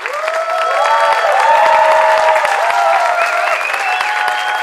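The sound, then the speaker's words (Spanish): A large concert audience claps loudly and steadily for the band, a dense wash of applause with scattered cheers and whoops rising above it, holding at full strength for the whole stretch. “Un gran aplauso para el … que nos acompaña esta noche.”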